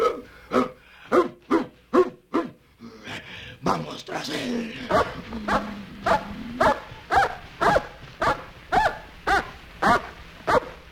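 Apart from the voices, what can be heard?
dog barking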